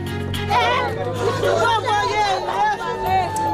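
Residents of Kenkov, east of Port-au-Prince, Haiti, wailing and crying out in desperation after a new attack by armed gangs, many voices overlapping in loud, wavering shouts that rise and fall in pitch without pause for several seconds.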